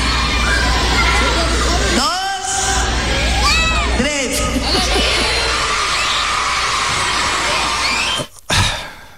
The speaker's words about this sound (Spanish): Six, seven, gritan los niños felices.